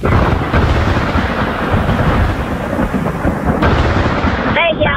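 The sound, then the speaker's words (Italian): Loud, sustained rumbling thunder rolls continuously through a stormy summer downpour, deep, with the roar of rain underneath and a brief tonal sound near the end. “Il tuo è un tuono, sì, temporale.”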